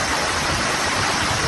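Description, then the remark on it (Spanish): A dense, steady roar of hailstones up to 5 centimetres across pelting down in Tarragona during a heavy storm, a continuous loud clatter filling the whole clip with no voices. “Es, por ejemplo, el sonido ayer en Tarragona, donde cayó pedrisco de hasta 5 centímetros.”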